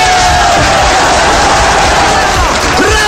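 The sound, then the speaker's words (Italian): A loud, dense roar of crowd cheering mixed with steady applause, sustained without a break for about three seconds, with voices shouting inside the wash of clapping. “92 minuti di applausi.”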